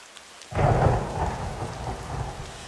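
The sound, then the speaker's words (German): Heavy rain pours down in a dense, steady hiss, starting abruptly and joined by a deep rumble of thunder near the start before settling into continuous downpour. “Ach ja, immer dieser Regen. So wie es hier schüttet, gibt's bald Hochwasser, meint ihr nicht?”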